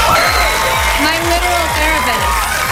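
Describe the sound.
A loud studio audience cheers and whoops continuously as a friend is introduced during a host's monologue, a dense roar of many voices with steady rhythmic thumps underneath, like stomping or beat-driven clapping, filling the whole moment.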